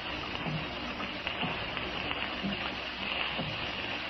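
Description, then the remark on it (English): Steady rain patters against window panes in a dense, continuous hiss, even and unbroken throughout, with no voices present. “I could actually believe that the rain was a million fingers tapping on the panes.”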